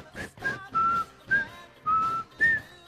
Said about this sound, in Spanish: Tú lo escuchas silbando nomás.